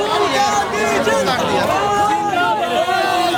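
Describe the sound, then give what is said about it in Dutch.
A large crowd of marching protesters heading toward the Supreme Court chants slogans together in a dense, continuous roar, many people calling out at once with overlapping rising and falling cries, loud, shouting 'Long live Rahul Gandhi' and 'long live the revolution'. “Lang leve Rahul Gandhi, roepen ze hier. En lang leve de revolutie.”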